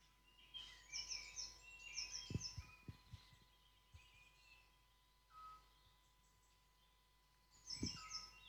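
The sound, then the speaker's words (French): A small tit's high, quick chirping phrases come in short bursts, and a scops owl gives a single soft, low whistled note between them, with faint dull thumps and no talking, at the end of a morning bird chorus. “Et donc là, vous allez entendre une petite mésange et un hibou petit duc.”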